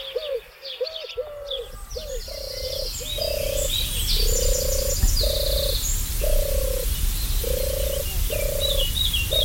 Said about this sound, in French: Celle-ci, c'est sa cousine qui était présente déjà bien avant l'arrivée de la tourterelle turque. C'est la tourterelle des bois qui est migratrice, qui disparaît en hiver, qui va en Afrique et qui revient ici.